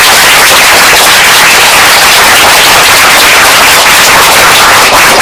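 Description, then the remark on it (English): A class applauding loudly after a correct answer in a school quiz, a dense, crackling wash of many hands clapping at once, holding steady for about five seconds with no voices heard. “All of applause.”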